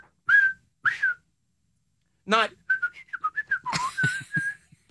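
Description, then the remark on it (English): Three sharp, loud whistles ring out in quick succession, the first two short and clean, the third brighter. A person then starts talking right after them. “It's three whistles, but instead of saying, let's go, Caps, it's three whistles.”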